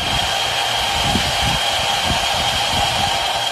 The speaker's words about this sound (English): The K-12 school holds classes outside and say the noise is around 70 to 75 decibels, somewhere between a washing machine and a blender. Here's what the mine sounds like.